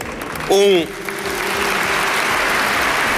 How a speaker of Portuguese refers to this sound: Palavras aplaudidas, palavras de Luís Montenegro no 43º Congresso do PSD, que decorre este fim de semana no Velódromo Nacional de Sangalhos, em Anadia.